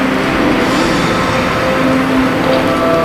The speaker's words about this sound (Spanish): Y este gran aplauso de las 1.300 personas que están llenando este salón en esta jornada del 75 aniversario del Premio Planeta.